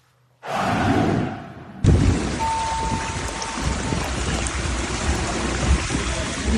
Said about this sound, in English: Yeah, that's an incredible video straight out of London. You heard that right. Torrential rain turned streets into rivers across England's largest city.